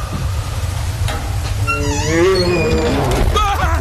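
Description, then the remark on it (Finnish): A bear growls loudly, a drawn-out, wavering groan that rises and falls in pitch over a deep rumbling background, with no talking. “Karhu!”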